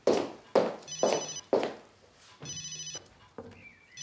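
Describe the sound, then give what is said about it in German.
A mobile phone rings with a bright, repeating electronic tone, several short bursts in a steady pattern, clear, with no one speaking. “Nein, ist nicht Paul. Mein Handy.”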